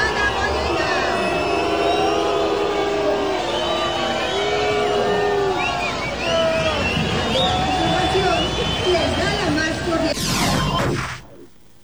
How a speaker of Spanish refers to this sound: No me quedó claro si fue abucheo, ¿no? Sí. Estaban diciéndole brugada. Brugada. ¿Sí? No, sí fue abucheo.